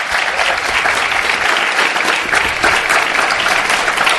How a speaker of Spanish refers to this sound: Os pido un aplauso para ella.